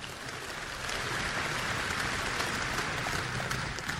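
A crowd applauds for the Lord with dense, steady clapping that swells slightly after the first second and holds at an even, loud level for about four seconds, with no voices over it.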